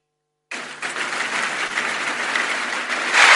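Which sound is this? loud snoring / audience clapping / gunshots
audience clapping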